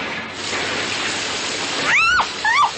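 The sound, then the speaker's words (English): A steady, loud hissing rush of water gushing from a water pipe that was hit and broken, continuous throughout, with two brief rising squeals cutting through near the end. “You hit a water pipe.”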